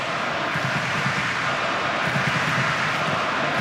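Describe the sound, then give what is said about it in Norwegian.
A large football crowd at Ullevål Stadion, during a Norway versus Portugal match, roars in a steady, dense wash of noise, with a faint murmur of chanting voices running through it for a few seconds. “og hør på publikum på Ullevål stadion.”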